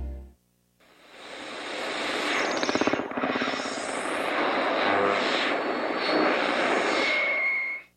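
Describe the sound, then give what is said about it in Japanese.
A small airplane's engine roars loudly and steadily for about seven seconds, with a brief rapid rattling stretch partway through, during a narrow emergency landing made because of a storm. No one speaks. “嵐のために緊急着陸をしました。際どい着地でした。”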